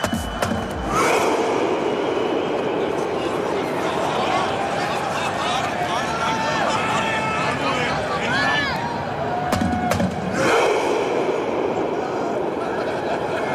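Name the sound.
stadium crowd rowing chant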